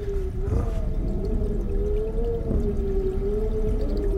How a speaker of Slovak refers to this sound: Župan by som si mal. Ten je v skrini. a tá vrzga. Všetko tu vrzga.